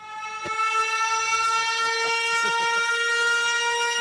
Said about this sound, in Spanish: Era para la sirena. Menos mal que era tranquila. No sé si era para la sirena.